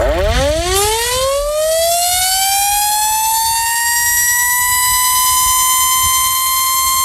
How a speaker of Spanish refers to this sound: A la sirena de la fábrica, la liga echa el cierre, por lo menos en primera división.